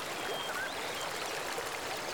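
The Seogang River flows past Cheongnyeongpo in Yeongwol, Korea, enclosed by water on three sides and a cliff behind, its water rushing in a steady, unbroken wash of sound, fairly soft and even throughout, with a few faint high chirps drifting over it early on.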